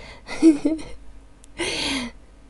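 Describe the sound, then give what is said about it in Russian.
A woman pants, out of breath from keeping up with others: a voiced, gasping breath in, a short pause, then a long, loud breathy exhale, with no talking. “Чего-то я уже запыхалась за вами.”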